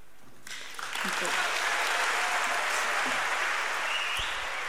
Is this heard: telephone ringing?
no